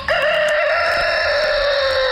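A single loud rooster crow rings out, a sustained, strained call held for about two seconds with no other sounds or voices around it.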